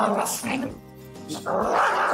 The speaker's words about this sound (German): Und ein Hund, der seine Artgenossen einfach nicht leiden kann.